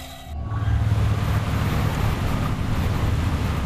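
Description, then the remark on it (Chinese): A submarine engine, ordered ahead at full speed, surges up after a brief quieter moment into a loud, steady low rumble with a droning hum and rushing water-like noise, running continuously with no voices. “前进四，全速前进。”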